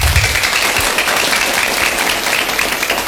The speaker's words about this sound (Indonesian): Tepuk tangan yang luar biasa.